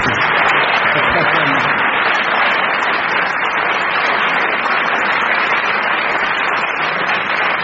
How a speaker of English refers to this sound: Let's have a huge round of applause for that, ladies and gentlemen.